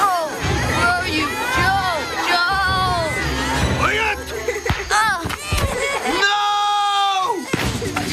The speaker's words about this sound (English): The kids were screaming.